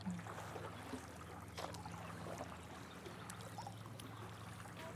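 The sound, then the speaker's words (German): Soft water splashes and drips from steady paddle strokes while paddling on the Unterbacher See in Unterbach at sunset, with gentle sloshing throughout and a faint continuous low hum underneath. No one speaks. “Wir paddeln jetzt einfach mal hier in den Sonnenuntergang von Unterbach.”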